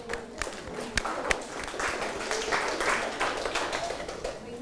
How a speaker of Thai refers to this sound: ปรบมือให้กับตัวเองหน่อยครับ